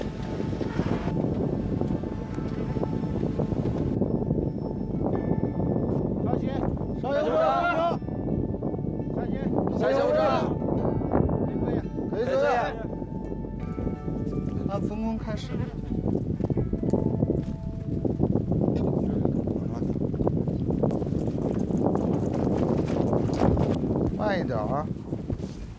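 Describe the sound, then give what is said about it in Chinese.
Strong wind roars steadily on a high bridge for the whole stretch, a dense rushing noise with brief voices and the hard breathing of bridge inspection team members climbing the bridge's hundred-step stairway breaking through now and then. “随着高度的上升，耳边只剩呼啸的风声和队员们急促的喘息声。”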